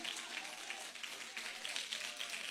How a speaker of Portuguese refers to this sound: Para que essas palmas, ele merece mais que isso aí.